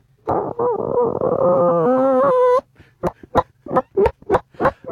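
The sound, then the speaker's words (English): A person vocally imitates a chicken: a long, warbling cluck-and-squawk that rises in pitch, followed by a run of short, sharp clucks in an uneven rhythm. “Do you want to do my chicken impersonation?”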